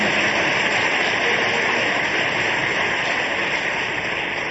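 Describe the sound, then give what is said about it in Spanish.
A church audience applauds God as the King of Kings in a dense, steady wash of clapping. It holds at an even, fairly loud level for the whole stretch, with no individual claps standing out and no voices. “Dale un aplauso al Rey de Reyes y al Señor de Señores.”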